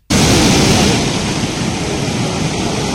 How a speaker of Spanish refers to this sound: Bueno, así ha estado entrando el mar en el paseo de la playa de Arinaga, en Gran Canaria, colándose incluso en algunas de las casas. La fuerza de las olas está siendo importante